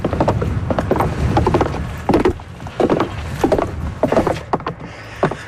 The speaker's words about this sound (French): Autre observation dans tous les lieux sacrés. Ouais. Du monde entier. Il y a toujours un tracteur qui vire.